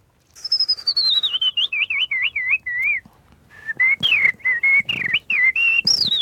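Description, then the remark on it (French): A person whistles an imitation of a blackbird's song in two close, fairly loud phrases of fluting, warbling notes that slide up and down, with a brief pause between them. “Ça, c'est le merle”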